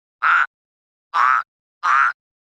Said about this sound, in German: Den habt ihr bestimmt auch erkannt. Das war ein Frosch.